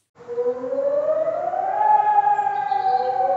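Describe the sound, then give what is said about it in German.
A loud fire station alarm siren, set off for a hotel fire in Bensheim, Germany, starts up and winds steadily upward in pitch, its rich harmonic wail rising over the first two seconds and then holding a sustained, slightly wavering tone. “Leute, ich glaube, mir ging zu Recht die Pfeife, denn hier wurde jetzt gerade ein Alarm ausgelöst.”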